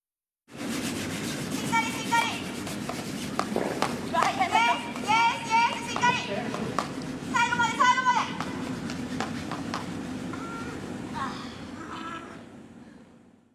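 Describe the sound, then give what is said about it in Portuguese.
Curling brooms sweep the ice in a steady, scratchy rush that runs through the whole stretch, as the speakers' group sweeps during a lesson, while several voices, including the instructor urging them to keep the rhythm, call out and shout over the top in short bursts. “Então vamos ouvir a gente varrendo agora, literalmente, o gelo.”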